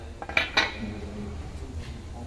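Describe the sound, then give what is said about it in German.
Two sharp, ringing hammer strikes on a metal letter stamp, punching the letter U into a drilled metal shopping-trolley chip, land about a quarter second apart, the second slightly louder, then only a low background hum remains. “Dann macht man mit einem starken Schlag.”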